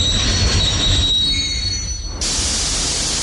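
A train's metal wheels squeal steadily on the rails over a loud, constant rumble of the moving cars, ending in a sudden burst of harsh hiss. Continuous, with no voices.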